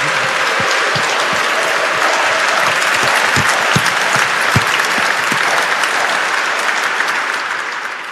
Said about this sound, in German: Und man muss dazu sagen, die haben 2 Tage nur gehabt, um das einzustudieren. Also ich glaube, das verdient nochmal einen ganz, ganz kräftigen Applaus.